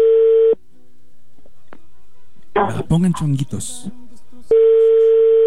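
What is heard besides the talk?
telephone ringback tone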